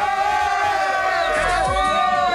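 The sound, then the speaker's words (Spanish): A short applause and cheering sound effect: a dense, steady roar of many voices with whoops rising over it, loud throughout the couple of seconds. “Mereces un aplauso, amor.”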